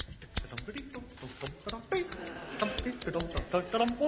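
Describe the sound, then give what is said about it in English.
Scissors snip in a quick, irregular series of sharp metallic clicks, cutting the string on a parcel, with a voice murmuring faintly underneath. “Let me try with the scissors.”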